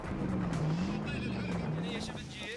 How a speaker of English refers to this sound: engines roar. The most popular beaches are those with especially soft sand, ideal for drifting.